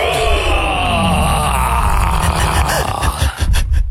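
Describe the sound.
Loud, rough grunting and breathy snorting rumble on steadily for a few seconds, with gliding low tones and a couple of sharper huffs near the end.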